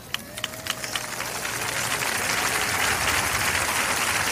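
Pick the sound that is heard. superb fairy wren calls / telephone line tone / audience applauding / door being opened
audience applauding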